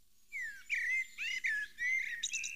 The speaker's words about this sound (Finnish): Tuolla taustalla muuten on mustarastas, Etelä-Suomen lehtimetsien sulostuttaja.